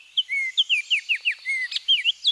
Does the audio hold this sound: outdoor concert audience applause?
no